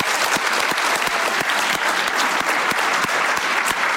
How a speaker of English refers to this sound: If we could give Bondry a round of applause.